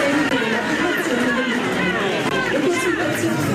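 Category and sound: crowd, crowd chatter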